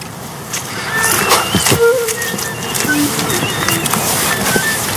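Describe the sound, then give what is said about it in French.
A tit sings in short, thin, high-pitched notes, scattered irregularly over a steady rustling background with occasional soft knocks. “Donc, la mésange zinzinule.”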